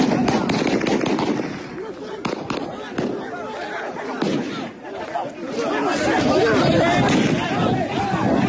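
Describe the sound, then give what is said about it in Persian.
Sharp gunshots crack out several times, mostly in the first few seconds, as regime forces fire on a loud, agitated crowd of young job seekers protesting hiring at a petro-refinery in Gachsaran, Iran, shouting and talking throughout. “گلوله پاسخ جوانان جویای کار.”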